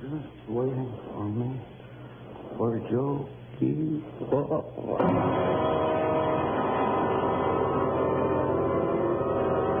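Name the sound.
subway train passing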